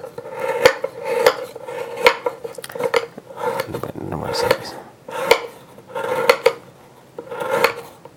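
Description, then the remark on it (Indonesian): A knife slices bananas on a cutting board before blending them, each cut landing as a crisp tap in a steady rhythm, roughly ten strokes spaced under a second apart. “Ini kan karena mau di blender maka saya iris-iris.”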